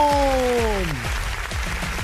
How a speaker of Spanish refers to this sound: Fuerte el aplauso, señores y señores, para Jalisco.